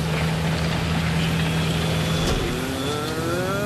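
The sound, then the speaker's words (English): A heavy tractor engine runs steadily with a low, constant drone as the tractor is driven, then its pitch shifts and rises slightly as it changes load, with a broad mechanical rumble throughout. “Some tractor driving again.”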